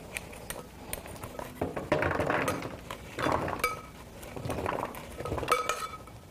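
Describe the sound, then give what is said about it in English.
Kitchen clatter of vegetables mixed with seasonings and oil being shuffled and spread evenly across metal baking pans before baking, with scraping bursts, light clinks and taps of utensils against the trays, no talking. “Spreading our vegetables around so they're evenly spread out on our pans.”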